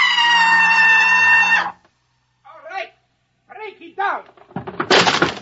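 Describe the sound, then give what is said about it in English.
A door is broken down with a loud burst of splintering crashes near the end, after a sustained shrill tone and scattered shouting voices. “He'll break down the door in a minute.”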